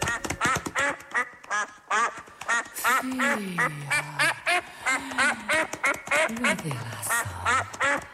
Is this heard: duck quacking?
yes